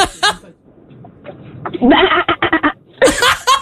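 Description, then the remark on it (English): A child's voice imitates a horse with a long, wavering whinny followed by rapid sputtering bursts, fairly loud, ending in a high squealing cry. “Now make your favorite animal sound.”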